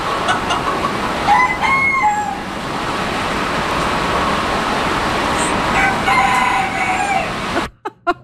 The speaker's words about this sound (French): Des animaux et de la pluie, c'est ça qu'on entendait, la forte pluie. Plus d'une centaine d'animaux se trouvaient ici. On a entendu des coqs cette fois-ci